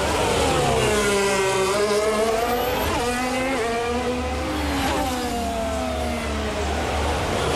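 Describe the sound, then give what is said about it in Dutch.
The engine of a Racing Bulls Formula 1 car screams loudly and continuously during an onboard lap, pitch rising and falling repeatedly through gear changes and revving as the car accelerates and brakes, with no voices present. “En dit is gewoon een fantastische ronde aan boord van die Racing Bull.”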